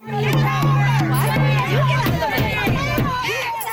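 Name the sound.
loud crowd of protesters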